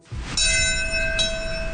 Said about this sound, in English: The bell of hope ringing out at 8:46 a.m. this morning at New York City's 9/11 memorial ceremony. The moment marks the exact time the first plane struck the World Trade Center 25 years ago.